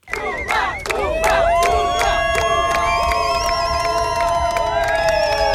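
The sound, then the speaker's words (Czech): Teammates from the Czech national whitewater slalom team cheer and shout the names of Czech stars in loud, overlapping yells, with rising and sustained high-pitched calls over a steady roar of crowd noise throughout. “Příležitostí vyvolávat jména českých hvězd měli jejich kamarádi z národního týmu víc než dost.”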